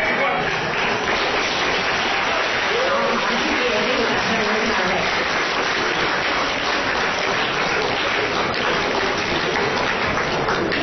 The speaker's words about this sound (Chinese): 谢谢大家掌声， 感谢大家。